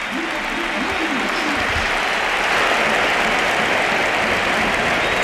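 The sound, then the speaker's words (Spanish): A large crowd at the Pizjuán stadium stands applauding Luka Modric as he comes on as a substitute, in a sustained, dense roar of clapping that fills the space, with faint chanting voices blended into the ovation throughout. “Y la gente de pie, el Pizjuán de pie, aplaudiendo a Modric.”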